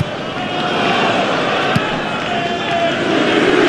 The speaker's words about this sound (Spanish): Escuchen ustedes el abucheo, ¿eh? Por parte respetable. Ojo. No están abucheando el Fulham. Abuchean a la visita.